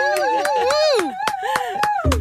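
Enthusiastic hand clapping in a steady rhythm, about eight sharp claps at even intervals, ringing out over a loud, wavering voice that talks or sings throughout.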